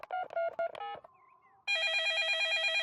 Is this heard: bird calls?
no